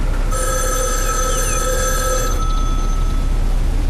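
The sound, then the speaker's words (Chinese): A telephone bell rings in one sustained burst of bright, high metallic tones lasting about two seconds, then stops, leaving a steady low background hum. “稍等一下啊，杨，你的电话。”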